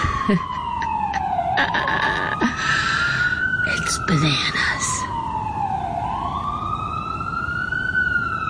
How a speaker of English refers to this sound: It's just bananas. Every one of those sirens, I just think, is, you know, some poor person who can't breathe. I mean, it's never been good news to hear an ambulance siren, but I have too many images now, faces.